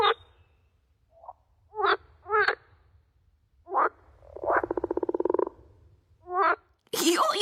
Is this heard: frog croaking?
yes